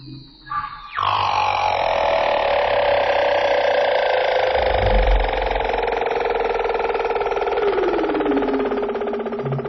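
An eerie underwater marine mammal call in the frigid waters of Antarctica, like a leopard seal trill or humpback whale call: one loud, siren-like trilling tone that slowly glides downward for nearly ten seconds, unbroken, with no voices.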